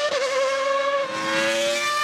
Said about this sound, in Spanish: Ah, qué hermoso como suenan esos motores.